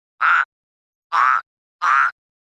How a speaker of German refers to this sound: Den habt ihr bestimmt auch erkannt. Das war ein Frosch.